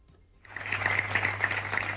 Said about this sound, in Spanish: Son los aplausos de la ciudadanía de San Vicente.